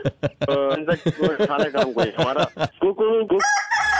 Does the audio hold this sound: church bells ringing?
no